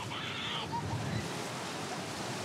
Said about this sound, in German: Am Strand von Ristinge wird es langsam voll. Viele Eltern verfolgen, wie ihr Nachwuchs sich in den Wellen so schlägt.